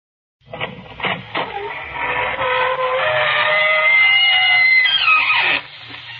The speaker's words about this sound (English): Good evening, friends of the Inner Sanctum. This is your host inviting you through the squeaking door for another episode in the eerie.